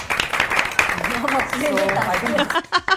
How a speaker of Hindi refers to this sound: बस एक बार जोरदार तालियां हो जाएं पूरी टीम के लिए।